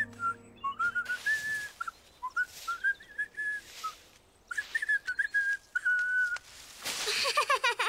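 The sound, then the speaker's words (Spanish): Someone whistles a short, wavering tune, a series of sliding notes in a few phrases with brief pauses, ending in a burst of breathy, hissing noise from blowing too hard. “Yo puedo silbar también.”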